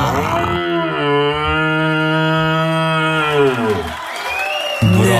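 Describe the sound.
A person imitates a young deer's rutting call: one long, loud, moaning bellow held for about three seconds that slides downward in pitch at the end, followed by brief quieter sounds.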